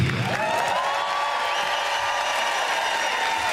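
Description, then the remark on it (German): An audience applauds steadily and loudly for several seconds, a dense hiss of clapping with a thin sustained whistle-like tone running through it, and no one speaking. “Applaus noch kurz eine Sekunde.”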